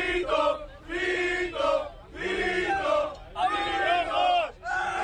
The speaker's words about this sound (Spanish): En el vídeo se ve varios legionarios junto con el agitador ultra en el autobús que les estaba recogiendo de la Plaza Colón. Primero corean Vito Vito y después le jalean cuando grita eso de a por los rojos.